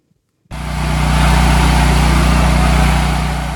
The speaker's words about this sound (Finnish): Sähkögeneraattorin hurina. Tuttu ääni Kuuban pääkaupungissa Havannassa. Kuuban sähköverkko romahti maanlaajuisesti perjantaina, jo 4. kertaa tänä vuonna.